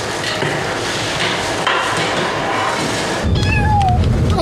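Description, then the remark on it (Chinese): A newly arrived cat being caught and held lets out a couple of short, rising-and-falling meows near the end, following several seconds of steady rustling and clattering handling noise. “最近新来的猫还都挺有意思的。”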